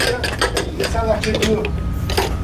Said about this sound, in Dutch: Een grote slang wordt aan de achterkant van een brandweerauto bevestigd. De motor gaat aan. En met een enorme kracht wordt de wagen volgepompt met water uit het gemeentelijke zwembad in Cournon-Terral in het Zuid-Franse departement Hérault.